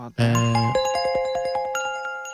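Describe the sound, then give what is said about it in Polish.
A melodic electronic phone ringtone rings out clearly, a bright sequence of bell-like tones stepping through several pitches over a steady pulse, with no voices present. “No i to jest cały dzwonek, oczywiście się skończył.”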